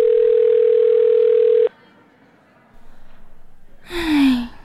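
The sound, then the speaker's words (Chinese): A loud, steady telephone ringback tone sounds for under two seconds and cuts off as the call goes unanswered, followed by quiet room noise and then an audible sigh. “唉，怎么都不接啊？”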